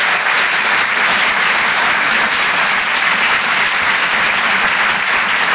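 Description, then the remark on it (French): Sustained audience applause for a performer on Rire et Chanson, a dense, steady wash of many hands clapping at full volume for several seconds with no voices standing out. “On peut l'applaudir lui aussi très très fort, s'il vous plaît.”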